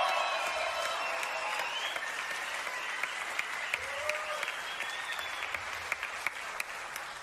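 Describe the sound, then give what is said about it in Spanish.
A crowd at a live music performance applauds the band's drummers steadily for several seconds, a dense wash of many hands clapping at once with a few sharper claps poking through. The ovation holds a fairly even level throughout. “Bueno, …, que ya les pedí un aplauso a la batería.”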